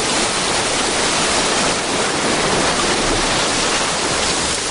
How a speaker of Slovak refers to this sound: Ups. Čo je? Voda. Unáša ma voda. Ja neviem plávať.